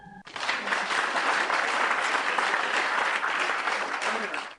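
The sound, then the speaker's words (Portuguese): Steady applause from a group after finishing drawing a square: dense rapid clapping that starts abruptly after a brief tone and holds at an even, fairly loud level for several seconds before cutting off. “Palmas!”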